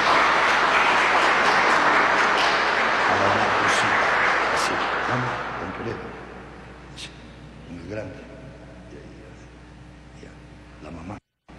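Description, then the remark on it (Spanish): A crowd at a church baptism breaks into steady, dense applause for a young girl being baptized, lasting about five seconds, then gradually dies away into quieter murmuring with a few faint voices. “A ver, fuertes aplausos para esta jovencita.”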